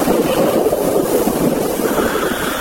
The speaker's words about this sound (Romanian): Se stârnește un vânt puternic care duce miresmele ceaiului magic preparat de Maia în sus, spre casa somnului, unde deschide singur ușa.